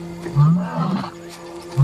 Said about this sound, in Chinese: 阿瑟不停地呼唤帕奇狮群，流浪公狮此时有所察觉。正值盛年的阿瑟发出阵阵狮吼，